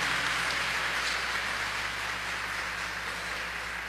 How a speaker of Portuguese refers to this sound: Aplauda mais uma vez esta palavra, meu irmão, minha irmã.